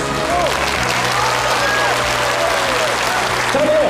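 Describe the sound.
An audience breaks into loud, steady applause to welcome a health expert on stage, a dense wash of clapping that fills the whole stretch with a few faint voices and calls rising over it.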